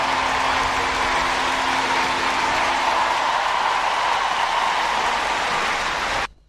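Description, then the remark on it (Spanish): A dense, steady wash of clapping from a large crowd, loud and unbroken for about six seconds before cutting off abruptly. No voices stand out. “Messi, la puta madre, fuerte el aplauso, che.”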